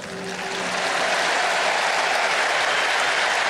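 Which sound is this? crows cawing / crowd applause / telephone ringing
crowd applause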